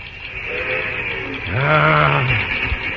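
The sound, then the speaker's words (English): A train whistle sounds the special whistle signal for the yard limit: one long, low blast that swells up and holds steady for nearly a second, with fainter wavering tones before it, all over a constant hiss of background noise. “Oh, there's the special whistling for the yard limit.”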